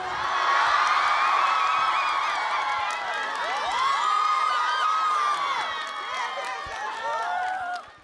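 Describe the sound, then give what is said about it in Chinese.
A large audience cheers, whoops and shouts excitedly over a dense wash of clapping for a dancer's performance, holding loud and steady for about eight seconds before cutting off abruptly. “来，掌声给成天。”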